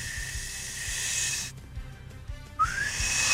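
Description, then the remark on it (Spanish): Someone tries to whistle, producing mostly breathy, airy hiss; after a short pause a thin whistled tone briefly breaks through and slides upward before fading back into breath. “Ay, no puedo chiflar ahorita como ando. Ah, sí puedo. No, no puedo.”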